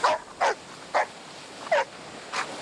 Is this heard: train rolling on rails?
no